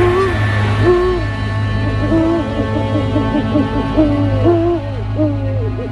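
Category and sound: bird, owl hooting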